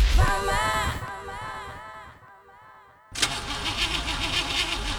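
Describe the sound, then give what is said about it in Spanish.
A car that has run out of engine oil fails to start: its starter whines and cranks unevenly, then dies away to near silence before another harsh, rattling burst of cranking sputters without the engine settling into a steady run. “¿Otra vez tu auto fregado?”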